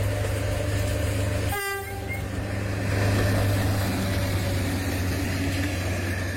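A train rumbles steadily along the rails with a deep, continuous drone, and a short, loud horn blast sounds early on before the rolling noise carries on.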